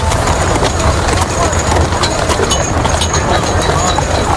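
Steady clip-clop of the hooves of two horses pulling a cart that carries a coffin through a watching funeral crowd in the Catalan capital, the rhythmic beats mixed into a dense wash of crowd murmur and background noise.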